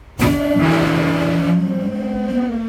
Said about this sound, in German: Muss der Zug zwangsgebremst werden, entleert sich diese Hauptluftleitung schlagartig. Beim VT2E klingt das so.